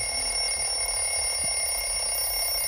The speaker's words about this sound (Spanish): Ha sonado el final del cronómetro, que suena como un despertador.